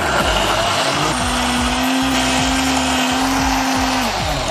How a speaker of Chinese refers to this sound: 像这花生、芝麻是不是都是熟的？ 都是炸过的，破壁机把它打碎， 来，全部倒入破壁机当中。